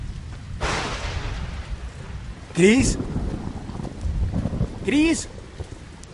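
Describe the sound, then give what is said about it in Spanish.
A thunderstorm with steady rain hiss and low rolling thunder rumbles, while two brief high squealing calls rise above it a couple of seconds apart. “A la mayoría no les gusta quedarse en medio de una tormenta de truenos.”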